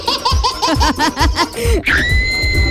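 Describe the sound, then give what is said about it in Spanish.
A burst of rhythmic, high-pitched laughing gives way to a sustained shrill scream that holds steady for nearly a second, loud. “Ay, no, no grites, pues.”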